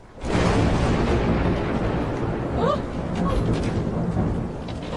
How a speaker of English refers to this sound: Oh, how the storm raged. Hail, rain, wind. It was, in very truth, an awful night.